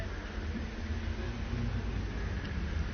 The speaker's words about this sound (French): Encore un instant d'accalmie. Un cycliste, boulevard Saint-Germain, départ des voitures,